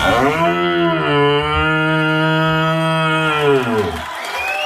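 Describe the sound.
A national and European champion in red deer calling from Solčava imitates a young red deer's rutting call: one loud, drawn-out, moaning bellow with a steady buzzing tone, held for about four seconds before breaking off into a breathy rasp.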